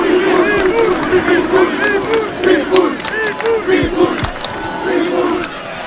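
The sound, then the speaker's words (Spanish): A large stadium crowd chants the nickname "Pitbull" of the captain of the blue-and-white team in unison, a loud two-beat call repeated over and over in a steady rhythm, with roaring voices and whistles filling the background. “Pitbull, Pitbull, le gritan.”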